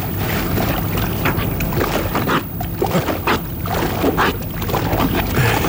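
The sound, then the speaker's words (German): A female walrus, a German TV broadcaster's 1980s interval mascot, splashing and sloshing about in water at the edge of a pool, a steady churn of water with irregular bursts of louder splashes and no voices. “Die war dann so am Beckenrand und hat sich halt am Beckenrand mit dem Wasser vergnügt.”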